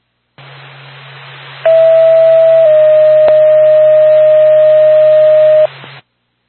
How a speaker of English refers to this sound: NORPAC to Lancaster Ambulance, stand by for tone.